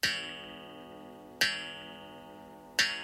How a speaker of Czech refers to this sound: V krámku ztrát a nálezů to začalo účinkovat přesně ve 12 hodin v noci. Sotva na hodinách rozvěšených po stěnách zahrkala půlnoc.